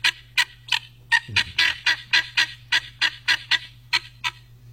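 A goose honks over and over in a fast, steady series of loud calls, about fifteen honks in a row with no one speaking.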